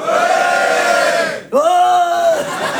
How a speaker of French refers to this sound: Oh, ils sont toujours obligés de beugler, les garçons. Hein? Je sais pas, tu sais, d'hurler à la face du monde.